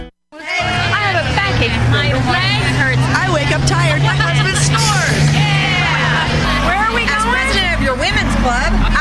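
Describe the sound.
Inside a moving bus, a steady low engine drone runs beneath a lively overlapping hubbub of passengers' voices, loud throughout.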